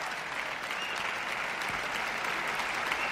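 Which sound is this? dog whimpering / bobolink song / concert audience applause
concert audience applause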